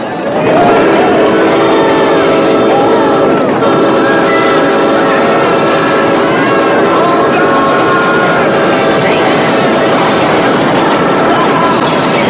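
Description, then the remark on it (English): A loud train rumbles steadily for the whole stretch as it approaches a bridge, its heavy roar carrying sustained metallic, whining tones without letting up. “A train approaches the bridge and the guys all headbanging shake their legs in excitement.”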